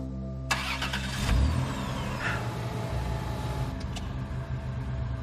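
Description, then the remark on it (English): A car engine cranks and catches, then settles into a steady, fairly loud idle with a brief rev, with no voices over it. “The car just started.”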